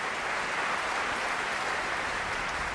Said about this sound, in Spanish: Bueno, pues eran los aplausos ya para la orquesta del Mozarteum de Salzburgo, dirigida por Roberto González Monjas.